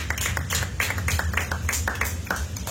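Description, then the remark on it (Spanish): A church audience claps loudly in a steady, fast rhythm as an offering of praise to God, the many hands blending into sharp repeated bursts over a low background rumble, with no talking. “Dale su ofrenda de palmas fuertes a nuestro Dios.”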